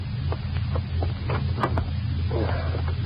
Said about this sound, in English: You hide the paper in the back and force yourself to relax as Joe comes back and climbs into the car.